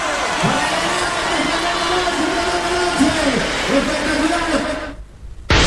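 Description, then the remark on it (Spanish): A large audience claps and cheers loudly for a cuarteto music band in a dense, continuous roar with a few rising shouts mixed in, fading briefly before cutting off abruptly near the end. “¡Fuertes aplausos!”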